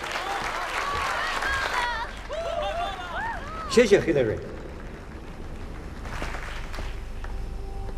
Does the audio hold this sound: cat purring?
no